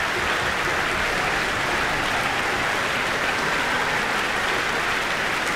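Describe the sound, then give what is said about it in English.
Steady, dense applause from a large audience clapping an orchestra conducted by Benjamin Northey, who gestures for the principal players to acknowledge it; a continuous even wash of many hands at a constant loudness with no voices or music. “Benjamin Northey is gesturing that the various principal players in the orchestra should acknowledge the applause.”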